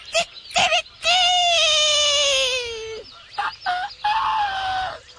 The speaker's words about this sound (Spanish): Y nos trasladamos derechito hasta Chihuahua. El rancho Las Tres Tetas. Allá donde el despertador no era el celular. Era el gallo. ¡Escandaloso!